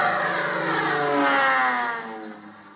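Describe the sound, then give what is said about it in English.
At an airport, a new military airplane roars past, its droning engine steady and loud with a slowly shifting pitch, then fading away over the final second. No voices are heard. “That's one of them new military planes.”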